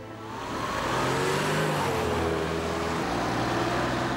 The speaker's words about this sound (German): Denk doch zum Beispiel nur mal an den Verkehr.